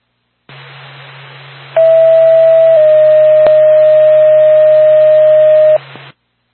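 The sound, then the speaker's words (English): A radio paging alert tone for an ambulance dispatch in Lancaster: a steady high tone holds for about a second, then drops slightly to a second tone lasting three seconds, loud over a hissing radio channel, with no talking. “Star Pack to Lancaster Ambulance, stand by for tone.”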